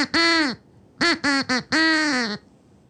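A duck quacks as if singing a song melody: a string of five loud, nasal quacks, one long, then three quick ones and a final drawn-out quack, bobbing in pitch like a short tune, with no talking.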